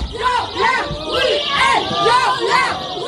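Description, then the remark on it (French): A group of feminist protesters shout and yell together in the audience of the Théâtre Édouard VII in Paris, interrupting the play Seconde Chance. Their loud, rising and falling cries overlap in a steady, insistent chant that carries over a background of crowd noise. “il y a des femmes qui sont rentrées, ils hurlaient”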